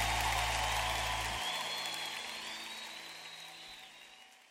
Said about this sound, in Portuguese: Essa música merece um aplauso mais forte, vai.